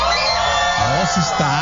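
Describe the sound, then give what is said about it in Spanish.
A loud crowd of Cruz Azul football fans shouts and cheers together in a dense, sustained roar at the Teatro María Teresa Montoya in Mexico City, ahead of the Mexican football final, with individual voices rising in yells above the mass toward the end. “Ahora, solamente que grite la afición que está con el Cruz Azul.”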